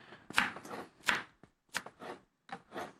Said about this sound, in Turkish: Şöyle onu da doğradım.